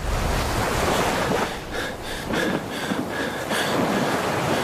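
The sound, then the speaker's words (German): Steady, broad rushing of ocean waves on the open sea around a person in a yellow rubber dinghy after a shipwreck, continuous and fairly loud, with faint whistling wind tones drifting through the middle. No voices. “Ein Mensch gefangen in einem gelben Gummiboot, rundherum nichts als Wasser.”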